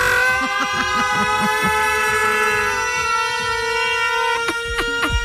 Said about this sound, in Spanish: Atención, señoras y señores. Suena la sirena.